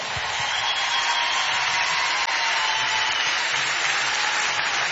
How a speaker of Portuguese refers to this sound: Um grande aplauso para este magnífico compositor e o meu grande amigo